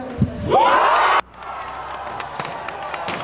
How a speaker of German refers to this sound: Wir können auch kurz mal reinhören in den Jubel, der darauf erklang hier in Jena.